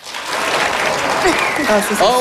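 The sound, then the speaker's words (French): An audience applauds steadily to vote on whether they would like to hibernate from September to June, dense clapping at a loud, even level, with a few scattered voices and cheers rising through it toward the end. “Alors, par applaudissement, qui aimerait ici pouvoir hiberner de septembre à juin?”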